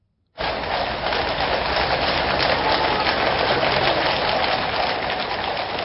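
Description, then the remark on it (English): Steady, gentle rain falls continuously in London, with horses' hooves, as King Charles travels by horse-drawn carriage from Buckingham Palace to the Houses of Parliament; a dense even patter with no voices, starting abruptly and holding at a constant moderate level throughout. “Horses' hooves barren, because it's London, the gentle sound of rain.”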